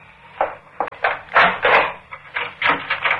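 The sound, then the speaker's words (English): A series of wooden clunks and scrapes as a bolted door is unbolted and pulled open, several short knocks followed by longer rattling movement. “Open the door. I'll do it.”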